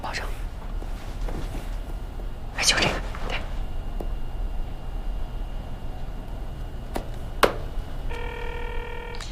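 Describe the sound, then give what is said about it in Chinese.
Steady background hiss with a couple of sharp clatters, then near the end a short run of electronic telephone keypad tones sounds as a number is dialed for a late-night phone call. “这么晚给你打电话，不打扰你吧？”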